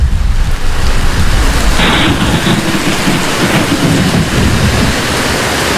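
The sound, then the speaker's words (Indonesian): Steady heavy rain pours down continuously, a dense hiss with a deep low rumble underneath like thunder, loud throughout with no voices. “Hujan seperti ini selalu mengingatkanku pada lipatan banjir Bone tahun 2012.”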